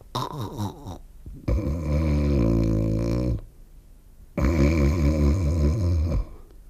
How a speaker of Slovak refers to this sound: Umrel? Zaspal. Veď počuješ. Chrápe. Čo teraz? Nič. Necháme ho spať.